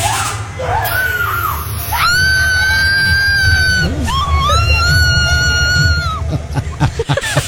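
A woman screams in fright, a short cry followed by two long, piercing, high-pitched shrieks, loud, over a steady low rumble of background noise.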